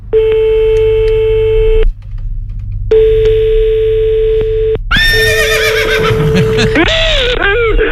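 Two steady electronic tones sound one after another, then a loud horse whinny with wavering, rising and falling pitch takes over until the end, clear.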